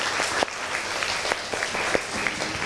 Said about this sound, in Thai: ก่อนอื่นปรบมือให้กำลังใจเพื่อนหน่อยเลย